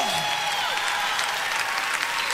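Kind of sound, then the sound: crowd, loud applause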